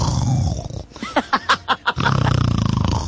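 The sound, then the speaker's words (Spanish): A lion right beside the speaker gives a loud roaring growl: a rough rumbling start, then four or five quick rising-and-falling yowls, ending in another low, gravelly growl. “Así como este rey león que tengo aquí al lado mío que está...”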